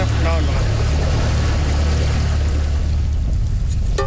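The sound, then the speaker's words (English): A small skiff's outboard motor drones steadily and loudly, a low continuous rumble with a constant wash of hissing, rushing noise as the skiff pushes through brush. “His new skiff, bought with money made as a construction worker repairing the village, is harder to navigate in the brush than his mud boat, which was damaged during Halong.”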